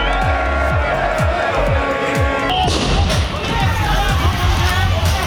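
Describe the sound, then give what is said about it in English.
A loud, dense stadium crowd roars continuously at the World Cup opening in Mexico City, with many voices blending into a steady din and regular heavy thumps, like drum beats, pulsing underneath throughout. “And the World Cup finally kicked off in Mexico! But it was too very different crowds.”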